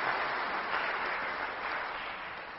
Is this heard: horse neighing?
no